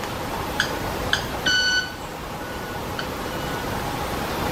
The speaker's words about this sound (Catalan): Pensava que era un sai que s'havia posat en marxa. Quasi, no, és l'ocellet que va fent les seves... Sembla un timbre d'alguna cosa d'aquestes... Sí. Sí, mira com van fent. Dels semàfors o no com així.